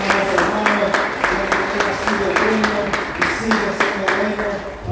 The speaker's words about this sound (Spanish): Dale un aplauso al Señor que está ahora.